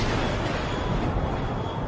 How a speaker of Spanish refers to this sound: Un rayo cegador impactó el ala, seguido de un estruendo ensordecedor.